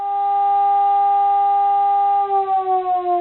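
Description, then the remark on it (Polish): A civil defense warning siren sounds a test signal that lasts two minutes: a loud, steady mid-pitched wail, then it starts pulsing and sliding slightly lower in the final second, with no voices. “Sygnał, który słyszeli państwo w tle tego materiału, trwał dokładnie 2 minuty.”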